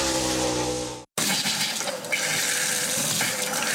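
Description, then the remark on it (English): Running water hisses and whines through a pipe, cuts out abruptly for a split second, then bursts back as a rough, sputtering gush of water, loud, with no voices. “When your water stops flowing, A1 Plumbing gets things moving again.”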